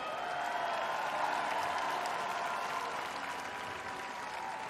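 Concert audience applauding the band's bass player, a musician: a dense, steady wash of many hands clapping that holds at a fairly even loudness for the whole few seconds, with a faint crowd murmur mixed in.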